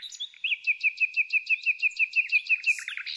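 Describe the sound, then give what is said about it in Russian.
Nightingale song rings out clear: a rapid, steady run of about a dozen bright repeated notes, ending in a quick flourish of higher twitters, with no other sounds around it. “Когда налет стихал, я шел вниз, завешивал окна, доедал кулеш, возвращался к книгам и засыпал под щелканье соловьев.”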